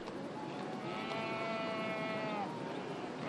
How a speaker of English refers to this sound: The roads are packed with cattle and shepherds on the move. They are heading to the Jailu summer pastures.